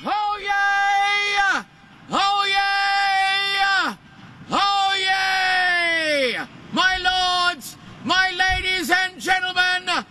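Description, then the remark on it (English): A man yells at full volume in a series of long, strained, sustained shouts, about five bursts with short breaths between them, piercing, with no other sounds; a record-breaking loud shout. “But what does he sound like when he's yelling?”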